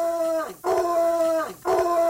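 A dog, the show's guard dog Houdini, howls in two long, wavering cries, each sliding downward before a brief pause and a fresh rising howl, after a high-pitched insect-repelling app is switched on; fairly loud, with no talking.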